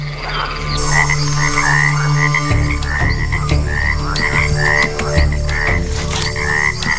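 Cane toads croak over and over in a steady, overlapping chorus, the calls fairly loud against a low background rumble, with no one talking.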